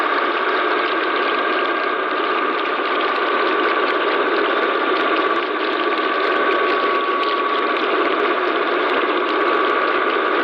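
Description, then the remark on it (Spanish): Offshore fracking machinery drones without pause, a dense, loud industrial roar with grinding, ratchety clatter and steady humming tones, unbroken for the whole stretch, with no voices. “El sonido del fracking en alta mar.”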